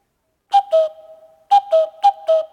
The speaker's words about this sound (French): Oh, le coucou ! Où est-ce qu'il se cache ? Qu'est-ce qu'il fait ?